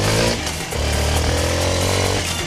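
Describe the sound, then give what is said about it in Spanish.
A new Suzuki motorcycle engine starts and roars, revving loudly with a brief dip before climbing again into a steady, buzzing growl; no voices are heard. “Y prepárate a encender una moto Suzuki nuevecita.”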